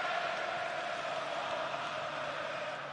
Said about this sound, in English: Jordan Pickford has just been joining in the applause as well, away to our right.